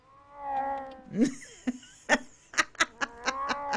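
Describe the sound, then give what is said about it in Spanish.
A cat lets out a drawn-out meow followed by a rising yowl, then a quick run of short, sharp chirping bursts, all fairly loud with no talking. “Así que este programa está dedicado a todos los gatitos, especialmente a Nilo.”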